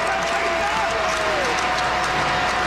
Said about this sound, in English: Could be the last chance for pizza for the folks tonight. And they come to their feet trying to cheer on a Reds win and the Rosas.